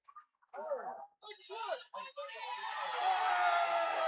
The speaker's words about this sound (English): A fan just made an outstanding catch off a ricochet. And that'll draw a round of applause that unifies both fan bases.